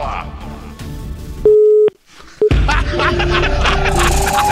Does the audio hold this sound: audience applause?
no